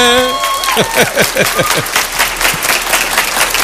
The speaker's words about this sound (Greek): Έτσι. Χειροκροτήστε τον εαυτό σας, όλα καλά.